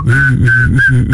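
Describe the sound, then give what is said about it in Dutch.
Someone double-whistles two tones at once, a high sustained whistle layered over a lower humming bass line, in short continuous phrases with no talking. “Ik kan dubbel fluiten. Alsjeblieft. Met twee tonen tegelijk.”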